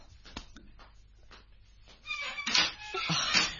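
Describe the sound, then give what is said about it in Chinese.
A door creaks open with a drawn-out, squeaky groan that rises and wavers for about a second and a half, fairly loud after a few faint taps. “等我开门先啦。”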